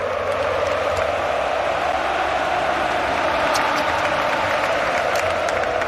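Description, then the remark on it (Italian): A large stadium crowd applauds Antoine Griezmann on his return to his former club. A dense wash of clapping and crowd noise holds at a constant loud level, with occasional sharper claps standing out. “Ad applaudirlo c'erano tutti, i tifosi, la moglie in lacrime, i bambini, tanti ex compagni e leggende del club, Fernando Torres e Godin, per citarne solo due, e soprattutto il tecnico.”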